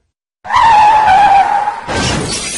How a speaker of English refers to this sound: When you're not completely focused on driving, a crash can happen in an instant.